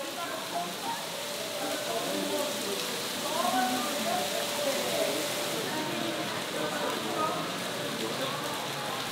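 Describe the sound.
Heavy rain from a thunderstorm pours down in a dense, unbroken hiss that holds steady for the whole stretch, with a faint murmur of voices buried underneath.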